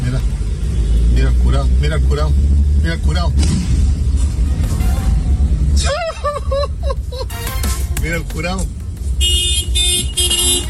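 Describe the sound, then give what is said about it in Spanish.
A large Nissan Navara pickup truck's engine accelerates with a loud, deep rumble as it crosses lanes on a two-way road, fading somewhat midway as voices talk over it, then a high, steady tonal whine near the end. “Ahí está acelerando, escuche.”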